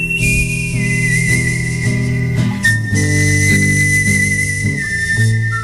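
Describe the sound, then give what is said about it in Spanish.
Whistler Curro Savoy, on Canal Sur Radio's Días de Verano, whistles a clear, sustained melody from Sergio Leone's films, the pure tone gliding between long held notes, while he plays a steady strummed guitar accompaniment, fairly loud. “hoy está en Días de Verano este señor, este que está tocando la guitarra ahora y que silba así.”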